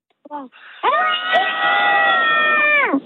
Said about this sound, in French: On est trois, mais on dirait que vous êtes 1000. Alors attention, à trois, je veux le plus gros cri possible. À trois, on est d'accord? À trois, le cri. Un. Allez, d'accord. Deux, trois.